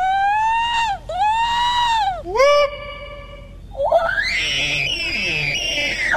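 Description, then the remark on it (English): People howl in imitation of Sasquatch calls as participants in the Sasquatch Calling Contest at the annual Sasquatch Party at Tosi's Checkout in Glenburn, Maine, hosted by the Maine Bigfoot Foundation and the Cryptozoology Museum: two long, rising-and-falling wails and a short whoop, then a harsher, raspy, warbling screech that carries to the end. “Here's some participants demonstrating their calls.”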